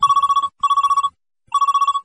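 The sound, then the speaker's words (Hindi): A telephone rings in three quick trilling bursts, each a rapid warbling pulse with short pauses between, loud with no voices present: the first phone call coming in to the radio request programme Neelavar Sarees Hello Sunehre Nagme. “चलिए लेते हैं आज के प्रोग्राम का ये पहला फोन कॉल।”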